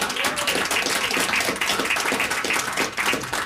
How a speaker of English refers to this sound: We just had Bob Moffat come by. He couldn't stay. Yeah, round of applause for Bob.